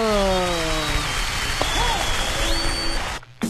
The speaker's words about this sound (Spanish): Uy, un aplauso.